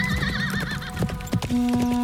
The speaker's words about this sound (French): On l'appelle l'Amazone du Liban. Yaha! Sur son cheval noir, Lady Esther Stanhope galope à travers le désert.